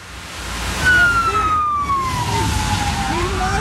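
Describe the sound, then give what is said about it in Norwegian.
A police siren wails loudly as a black SUV of the Norwegian police Delta emergency unit drives into a campsite in Norway, its single tone sliding steadily lower in pitch over a few seconds above a constant rumble of engine and road noise. “Nå kommer det sånn svått inn. Faen. Så innsatsstyrke, faenskap. Sånn bil ser ikke så ofte I Norge.”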